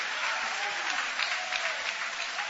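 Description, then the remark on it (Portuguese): A church audience applauding God with joy, steady dense overlapping claps forming a continuous, even wash of sound with no voices standing out. “Pode tomar o vosso assento, guarda a Bíblia com carinho e podem aplaudir a Deus também com alegria.”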